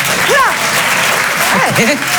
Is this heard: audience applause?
yes